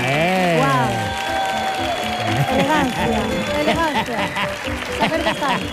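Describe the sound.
An audience applauds steadily and loudly for several seconds while excited voices whoop and shout over the clapping, the noise staying dense and unbroken throughout.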